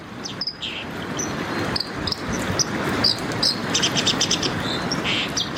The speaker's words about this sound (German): Sie können Ihren Favoriten wählen und ich spiele Ihnen mal ein paar Stimmen vor, damit Sie wissen, um wen es geht. Es geht zum einen um diesen Vogel, die Wasseramsel.